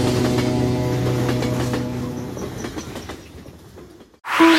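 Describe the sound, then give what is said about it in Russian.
A train heading to Sortavala station rolls along the rails with a steady rumble and rhythmic clickety-clack of wheels, gradually fading away before a brief, bright sound cuts in at the end. “Сначала нужно доехать на поезде до станции Сортавала, а далее на такси до самого горного парка Рускеала.”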